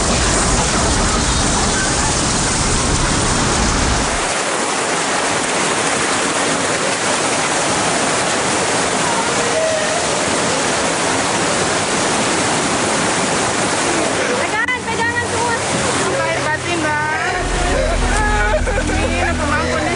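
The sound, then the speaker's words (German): A flood wave of rushing water, flowing up to 5 kilometers inland over flat land and sweeping away everything in its path, roars loudly and steadily throughout, a dense churning wash of sound, with faint voices rising over it in the last few seconds. “Da die Gegend hier sehr flach ist, strömt das Wasser bis zu 5 Kilometer ins Landesinnere. Die Flutwelle reißt alles mit, was sich ihr in den Weg stellt.”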